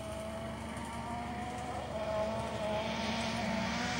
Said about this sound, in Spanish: Ahí viene otro de los autos. Lo que le decíamos, que hay poca distancia, Nico Bastar, es el que pasó.